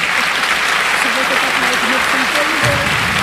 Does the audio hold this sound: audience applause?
yes